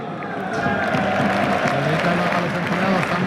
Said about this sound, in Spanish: Aplauden los compañeros al lado de él.